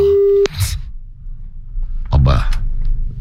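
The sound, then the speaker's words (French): A steady telephone ringing tone sounds clearly for about half a second, then cuts off abruptly, followed by muffled voices and handling noise on the line. “Allez, faut que ça réponde”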